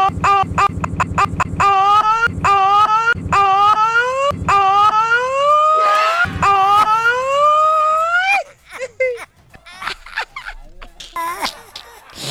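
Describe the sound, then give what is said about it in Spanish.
A loud ambulance siren wails with sweeping rising and falling pitch for several seconds, then cuts off abruptly, leaving brief scattered noises. “Terminó muy raro esta ambulancia.”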